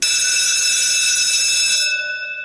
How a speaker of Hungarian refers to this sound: És valahol a háttérben megszólal egy csengő.